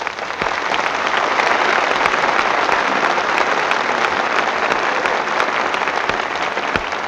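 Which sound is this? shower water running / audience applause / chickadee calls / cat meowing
audience applause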